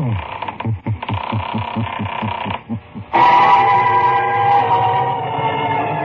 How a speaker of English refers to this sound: Where are we going? Through the creaking door, of course.